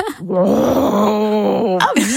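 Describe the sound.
A person imitates a red deer stag's rutting bellow: one long, loud, groaning roar with a strong harmonic drone that holds steady for nearly two seconds, then breaks into a short rising moan.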